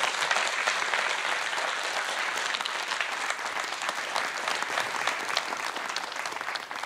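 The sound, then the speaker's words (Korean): Sustained applause from a sizable audience welcoming a pansori singer and drummer back to perform Jeokbyeokga, a dense, steady wash of many hands clapping at once, fairly loud throughout with no voices standing out. “큰 박수로 맞아주십시오.”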